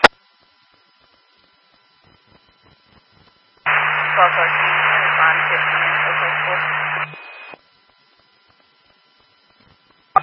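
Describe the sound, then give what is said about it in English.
A loud burst of radio static, a harsh, narrow-band hiss with a low hum beneath, cuts in abruptly and runs about three seconds before snapping off, with near silence on either side. “That was all static.”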